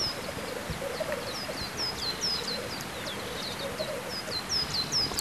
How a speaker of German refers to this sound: Hunderte Meter entfernt sitzt auf einer Baumkrone ein Spielhahn.